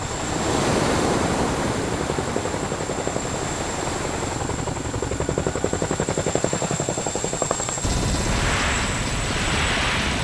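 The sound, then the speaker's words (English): A large Chinook helicopter lands on water, loud, its rotors thudding in a rapid steady beat amid a roar of rushing spray and wind, with no voices. “As well as being able to operate up high, the Chinook is just as good down low. It was designed to float like a boat and can land on water for special operations.”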